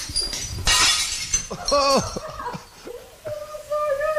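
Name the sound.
ceramic plates being smashed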